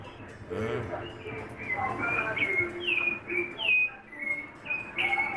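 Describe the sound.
A sabiá thrush sings a series of clear, fluting whistled phrases, each short and slightly sliding, repeating steadily at moderate loudness over a low murmur of background sound and faint voices.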